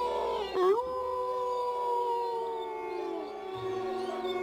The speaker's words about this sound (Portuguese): Todos pensaram o mesmo. São lobos. Lobos?